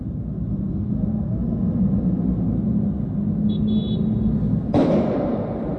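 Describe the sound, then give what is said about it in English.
A steady low rumble of traffic gives way to a sudden muffled blast at a building entrance, heard through the window glass of an office tower across the street, a single sharp burst that briefly brightens the sound before fading back to the drone. “You can hear the explosion through the glass of this person recording it.”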